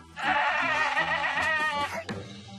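A goat gives one long, loud, wavering bleat lasting about two seconds before trailing off into a brief rustle.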